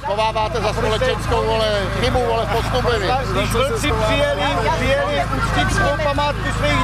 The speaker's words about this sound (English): A small but very vocal group of protesters are shouting at some of the participants gathering